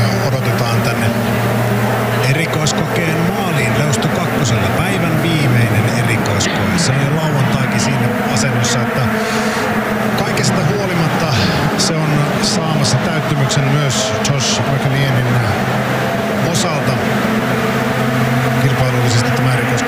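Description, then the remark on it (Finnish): A Ford rally car engine roars continuously and loudly as it accelerates hard from the forest section toward the finish, its pitch climbing and shifting, with sharp crackles and bursts over the steady droning growl. “sen äänet tuolta vielä metsäpuolelta ja kiihdytys on tapahtumassa maalia kohti ihan just.”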